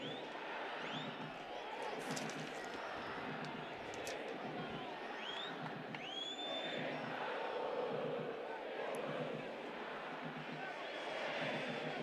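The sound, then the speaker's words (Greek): A large stadium crowd of home-team fans jeers and boos a visiting player during a football match in a steady, dense roar, with shrill whistles cutting through now and then, loud and sustained throughout. “Εισπράττει την γιούχα των οπαδών των υπεδούχων.”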